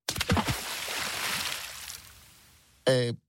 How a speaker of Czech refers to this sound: Lodyhy se vzájemně propletly a utvořily velikánské klubko, které sebou zmítalo, přetlačovalo se a koulelo ulicemi města, až se dostalo na mořské pobřeží a tam s velkým šplouchnutím spadlo do vody.